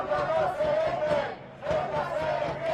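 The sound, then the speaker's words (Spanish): A large crowd of protesters at a march in Spain calling for Pedro Sánchez's resignation, joined by Partido Popular and Vox, about 20,000 people by the government delegation's count, chants a slogan in unison, a loud rhythmic phrase repeated twice with a brief dip between, many voices blending into a sustained, sing-song roar. “Ha sido el grito más repetido en la marcha.”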